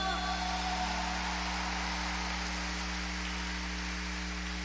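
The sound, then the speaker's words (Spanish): A concert crowd claps for the Un Hombre Nuevo team, steadily and densely for several seconds, a continuous wash of applause with a low electrical hum running underneath. “Un aplauso, Hombre Nuevo.”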